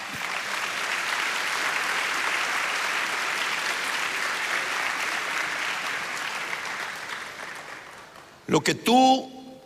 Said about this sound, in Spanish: ¿Cuántos dicen amén? Sí. Denle palmas al Señor.